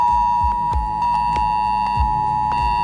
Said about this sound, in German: Heute ist Warntag. Das bedeutet nicht, dass es einen internationalen Feiertag gibt, an dem die Warnung gefeiert wird, sondern ihr werdet gewarnt. Um 11 Uhr könnt ihr euch auf ein schrilles Handyklingeln gefasst machen. Das klingt in etwa so.